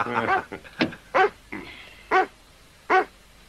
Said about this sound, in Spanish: A ese perro lo van a matar si sigue ahí en la carretera. Oye, ¿qué le pasa a este perro?